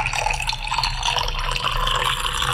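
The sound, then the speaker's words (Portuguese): Spring water, called miraculous, pours in a steady, continuous stream for a couple of seconds to be drunk together during a prayer, splashing and gurgling at a moderate level, with a low hum underneath and no voices. “Todos juntos, vamos beber desta água.”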